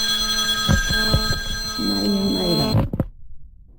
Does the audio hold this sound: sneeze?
no